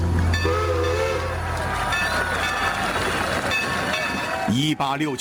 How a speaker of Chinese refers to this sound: 1869年4月30日，随着一阵轰鸣声，一列火车缓缓驶入了位于普罗蒙特里波因特的汇合点。